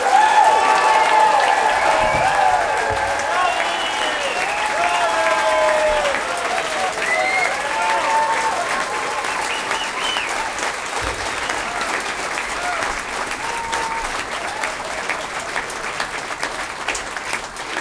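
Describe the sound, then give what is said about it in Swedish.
Loud, sustained applause for a string orchestra fills the whole stretch, a dense wash of clapping mixed with whoops and cheering voices rising and falling above it, easing slightly toward the end. “den varmaste och största och högljuddaste applåder för den här stråkorkestern!”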